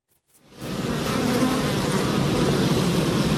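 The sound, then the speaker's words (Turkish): Dense, steady buzzing of many honeybees around their hives in Kars, Turkey, in spring as beekeepers step up hive care and feeding with the warming weather, rising in after a brief silence and holding a constant, full drone with no voices. “Dededen kalma besleyi babasıyla birlikte sürdüren üreticiler havaların ısınmasıyla birlikte arı kovanlarının bakım ve beslenme çalışmalarına hız verdi.”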